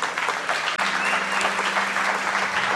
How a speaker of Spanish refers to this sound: Un aplauso para el equipo creativo de acá. Mira eso, wow.